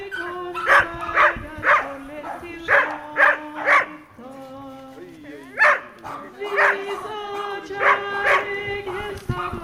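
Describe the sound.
Several dogs bark in quick, repeated bursts, loud, with a steady murmur of people's voices running underneath throughout, at a devotion service for dogs and their owners.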